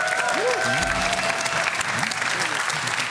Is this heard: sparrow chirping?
no